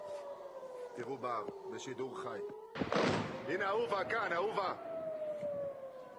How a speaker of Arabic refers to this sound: إذن هذه الصور التي نتابعها من رأس الناقورة قبل قليل تظهر عمليات الاستهداف وأصوات صفارات الإنذار.